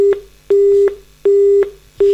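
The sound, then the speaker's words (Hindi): A steady telephone disconnect tone as a caller's phone call to a radio show cuts off: a single mid-pitched beep repeating in an even on-off rhythm, about three loud pulses with short gaps between, with no voices. “भैया हरो जे हते अपने देश की सिपाही और इनको फोन हमसे बात कराते में कट गया है, मनो इनकी फरमाइश हम तक पहुंचती ओके पहले फोन कटो।”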